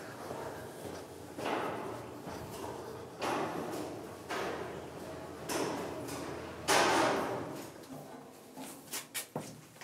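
A heavy pressure-resistant underground door, built to withstand water breaking in, is hauled open in several long, grinding, scraping pushes, ending with a few sharp metallic clanks and knocks.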